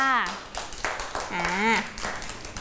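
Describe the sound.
Children clap, at a teacher's request to applaud an older child, in a loose, uneven patter of sharp claps beneath a high-pitched voice that talks over them throughout.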